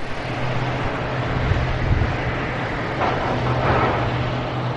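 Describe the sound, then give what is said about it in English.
Heavy haul trucks, each carrying up to 400 tons of coal, working day and night at the Moatize coal mine run by the Brazilian mining company Vale: a steady, loud diesel drone with a low engine hum and broad mechanical roar that swells slightly near the end. No one speaks. “The trucks here work day and night, each carrying up to 400 tons of coal.”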